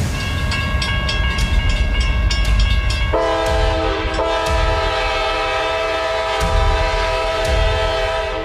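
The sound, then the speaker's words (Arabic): A train from Algeria arrives at the railway station in Tunis in the evening, rumbling in loud with its wheels clattering, as a long, droning horn sounds and holds steady over the heavy low rumble. No one speaks. “في مساء الأربعاء 23 من أكتوبر 1912، كان أحد محافظي الشرطة وثلاثة من البوليس السرية ينتظرون القطار القادم من الجزائر بمحطة القطارات بتونس.”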